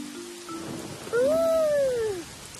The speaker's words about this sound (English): The thunderstorm has brought a lot of rain.